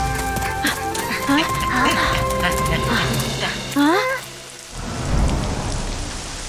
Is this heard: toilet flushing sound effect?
no